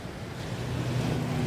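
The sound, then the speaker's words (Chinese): A steady, hollow rushing roar like ocean surf, heard through a seashell (an 'ear shell') held to the ear, continuous and gently swelling, with no voices. “啊， 这个是耳朵螺，可以听一下大海的声音。”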